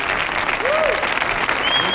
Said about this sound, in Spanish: Fuerte el aplauso